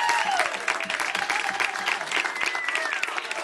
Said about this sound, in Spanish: aplauso fuerte para el señor